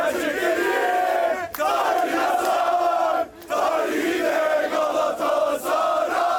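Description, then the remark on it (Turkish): A loud crowd of Galatasaray football fans in the streets chants and cheers, celebrating the club's 26th league championship, voices blending into a sustained, rhythmic roar that breaks off briefly twice before surging back. “Galatasaray'ın galibiyetiyle 26. lig şampiyonluğu birçok ülkede kutlandı.”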